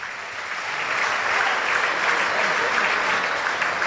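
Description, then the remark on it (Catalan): Sustained stadium crowd applause at the Etihad during Manchester City against Aston Villa, second half, as the crowd stands to applaud a substituted goalscorer, Bernardo Silva, leaving the pitch; a dense wash of clapping that swells slightly after the first half second and holds steady and loud throughout, with no clear voices on top. “Aplaudiments pel golejador, autor del meravellós gol de la final de l'FA Cup contra el Chelsea amb una rematada d'Esperó extraordinària.”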